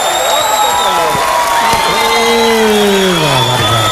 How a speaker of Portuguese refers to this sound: Mais aplausos, mais aplausos!